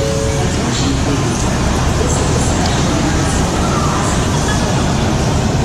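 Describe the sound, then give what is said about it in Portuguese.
Busy train station ambience at Union Station in Washington, D.C.: a steady, loud wash of crowd murmur and echoing bustle with a low rumble of vehicles underneath, continuous throughout with no single voice standing out. “E depois de 3 proveitosos dias, nós arrumamos as malas e partimos para a Union Station, a segunda estação de trem mais movimentada da América.”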